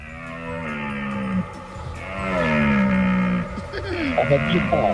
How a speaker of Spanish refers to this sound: A ver, puede ser un hipopótamo, una puerta mal cerrada, la berrea del ciervo o son leones. Yo creo que es la berrea del ciervo. Pues efectivamente.